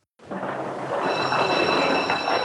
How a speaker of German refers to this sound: Auf dem Bahnhof sitzt er mit Frau und Kindern im Zug. Kollegen verabschieden ihn auf dem Bahnsteig.